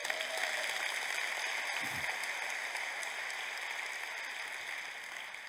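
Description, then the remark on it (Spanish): An audience claps after a speaker asks for applause during a talk about the Bible, a dense, continuous wash of applause that holds at an even level for several seconds, tapering slightly toward the end, with no voices rising above it. “Ahora sí, dame un aplauso.”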